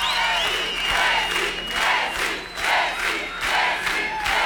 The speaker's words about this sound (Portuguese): E a gente segue, faltando 8 minutos para 1 da tarde, recebam no palco do Samba Nova, com muitos aplausos,